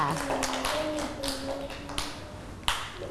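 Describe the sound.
A group of children in a class clap their hands in quick, uneven bursts of sharp claps at the teacher's request, for a classmate who placed a vehicle picture, with faint voices murmuring underneath.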